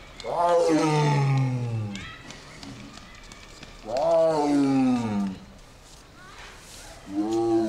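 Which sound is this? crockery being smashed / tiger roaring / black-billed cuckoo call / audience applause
tiger roaring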